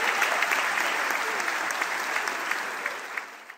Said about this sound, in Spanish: Muchas gracias, chicos. Fuerte el aplauso. Gracias.